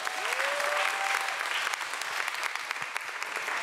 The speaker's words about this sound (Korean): 아주 열심히 몸으로 표현해 주신 우리 고집불통 큰 박수 부탁드립니다.